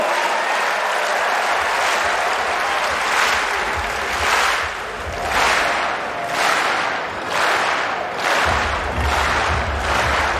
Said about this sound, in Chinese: 这就主场便利啊，哈尔要到了很好的这个全场观众给他打节奏这样的比赛氛围